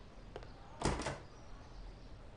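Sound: door being opened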